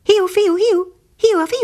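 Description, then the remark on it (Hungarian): A single close voice imitates an unfamiliar whistling call, singing sliding, rising-and-falling syllables in two short bursts separated by a brief pause. “De most valami ismeretlen fügyszó rezzentette föl, amely egészen közelről jött, és valahogy így hangzott.”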